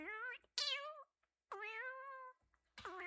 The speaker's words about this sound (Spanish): Bueno, gatito, bienvenido. Gracias a Dios que estés acá. Y eres un gato, eres un buen gato, de esos gatos que hacen muchas travesuras.